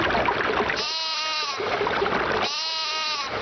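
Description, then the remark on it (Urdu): A lamb bleats twice in quick succession, each call a wavering, nasal cry lasting under a second, set against a steady rushing background noise with no talking. “ایک بھولے بھالے بھیڑ کے بچے نے اسے روک لیا.”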